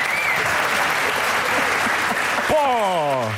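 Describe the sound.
An audience claps steadily in a dense, continuous wash of applause, with a voice briefly rising over the clapping near the end.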